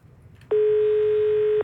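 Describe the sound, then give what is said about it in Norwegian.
A single steady electronic beep from a telephone answering machine, loud, holds one pitch for about a second after a faint murmur of background noise, then cuts off cleanly like a record tone. “Du vet vi har en telefonsvarer som åpen døgnet rundt, og det nå alltid hyggelig da å høre stemmen til dere som ringer inn.”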